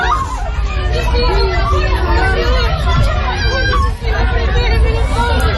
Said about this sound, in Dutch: Allerlei landen willen Venezuela helpen na de 2 zware aardbevingen in het land. Veel gebouwen zijn kapot. Mensen renden in paniek op straat, is te horen op deze beelden.